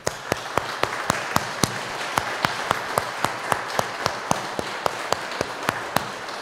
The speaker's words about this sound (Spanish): Vamos a darle un fuerte aplauso a Cristo Rey.